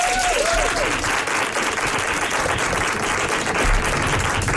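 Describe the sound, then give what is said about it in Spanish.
An audience bursts into loud, sustained applause dedicated to Laura Márquez, with dense clapping filling the whole stretch without letting up and a brief whistle near the start. “Pues hasta aquí, una persona tontísima, la verdad, la quiero igual, así que un aplauso allá donde esté a Laura Márquez.”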